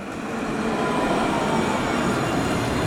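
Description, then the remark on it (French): A tram rumbles steadily past on its line at a very busy crossing near the Rosbertin stop, at night with the street lighting on: a dense continuous roar of wheels and motor with faint metallic hiss, holding constant loudness throughout with no voices. “Elle les a retrouvés sur la ligne du tramway à un carrefour très emprunté, près de l'arrêt Rosbertin.”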